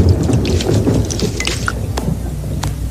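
Steady rain falls with a low, rumbling wash underneath and a few sharper drips and splashes standing out, fairly loud and continuous with no voices.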